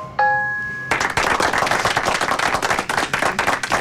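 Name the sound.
applause sound effect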